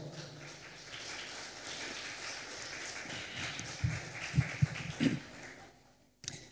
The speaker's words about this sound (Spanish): Un aplauso, por favor.